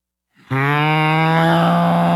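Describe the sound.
A person imitates a cow with one long, loud, sustained moo, starting abruptly after a brief quiet breath and holding a steady low droning pitch to the end.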